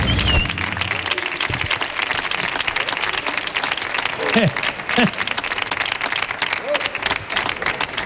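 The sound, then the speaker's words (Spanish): Sustained applause from a large audience for musician Diego Villegas on the Canal Sur Radio programme El show del comandante Lara, dense and steady, with a few faint voices and cheers surfacing briefly through the clapping. “Diego Villegas, señoras y señores, otro aplauso más, que siga el aplauso.”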